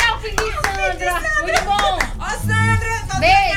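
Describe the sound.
Scattered, uneven claps from an audience ring out over a steady din of overlapping voices and cheering, the clapping sharp and irregular rather than a full roar.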